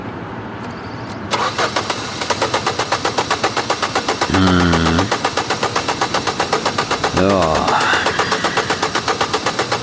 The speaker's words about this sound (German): Sehen Sie, der Anlasser geht, aber der Motor kommt nicht.